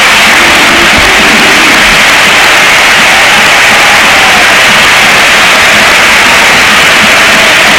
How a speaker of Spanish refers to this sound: Ovación a Rodri, que le han pegado también la pasada cuando entró Rodri, y ovación a Modri, que también le ha pegado. Ha sido brutal. Mira, escucha. Vamos de pie y dejamos que suene el Sánchez Pizjuán.